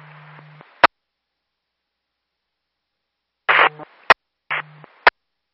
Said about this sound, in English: I just copied static.